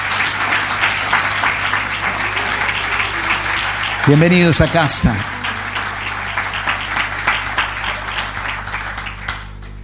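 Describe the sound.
An audience applauds steadily one morning for several seconds, a dense wash of many hands clapping, while a man briefly speaks over it through amplification midway before the clapping continues.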